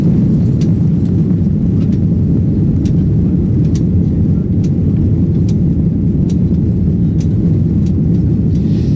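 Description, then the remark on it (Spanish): A loud, steady low roar of an Iberia passenger airplane heading to Montevideo, like the constant engine drone heard inside the cabin, with faint high ticks scattered throughout and no voices. “Antes vais a dejar que me suba de nuevo un avión de Iberia, vamos camino de Montevideo”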